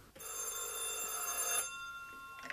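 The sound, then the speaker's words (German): A telephone bell rings steadily and loudly for about a second and a half with an incoming call from Hamburg, a bright metallic trill with sharp harmonics, then stops, followed by a faint hum and a brief click. “Der Zufall bediente sich des Telefons.”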